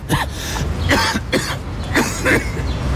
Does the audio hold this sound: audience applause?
no